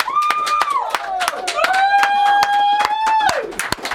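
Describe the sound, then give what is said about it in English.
A small group of studio team members on the Hello Goodbye Show claps in a loose, uneven round of applause for about four seconds after a live band session, while a long sustained whoop or whistle-like note rings out over the clapping. “and let's ask everyone to clap.”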